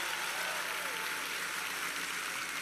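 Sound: audience applauding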